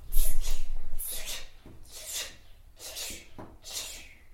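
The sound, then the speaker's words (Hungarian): A child imitates a dripping tap during a lesson of lip and tongue exercises, with a series of about five short, hissy mouth bursts, evenly spaced roughly a second apart, each sharp and bright at the start. “Csöpögős csap.”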